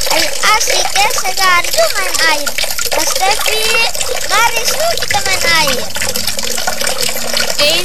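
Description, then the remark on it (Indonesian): Water runs steadily from a tap whose flow is getting smaller in the dry summer season, a continuous hiss and splash that never lets up, while several voices, some sounding like children, talk and call out over it throughout. “Coba lihat tuh air di keran, semakin kecil.”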